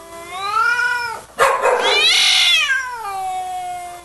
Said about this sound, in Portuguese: Ei, gato marrote, sai daí, criatura. Toca esse gato aí que é pra nós soltar umas modas.